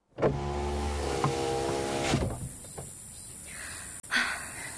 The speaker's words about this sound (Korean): 창문을 열자 더운 바람만이 훅 하고 들어왔다.